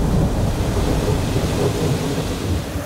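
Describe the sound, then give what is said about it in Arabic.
Heavy rain pours down on the night before a battle in a steady, dense roar with a deep low rumble underneath, loud and continuous throughout with no voices. “ليلة المعركة ليربط على قلوبهم من الخوف الذي أصابهم، فنزل المطر بردا وسلاما وتثبيتا على المسلمين، ووابلا ورجزا على الكافرين.”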